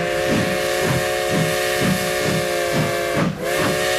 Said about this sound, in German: Ja, er dampft wieder unser Modellbahn-Express Tag 2.